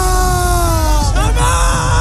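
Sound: crowd chanting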